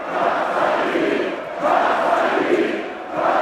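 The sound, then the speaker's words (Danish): Tens of thousands of AGF football fans in Aarhus, Denmark, chant "kom så" in unison while celebrating the club's Danish championship, its first in 40 years, a dense roar of many voices that swells in repeated waves about every second and a half, loud and continuous throughout. “Ja, kom så, de vige, blev råbt, sunget og grædt i går, da byens danske fodboldmestre blev fejret.”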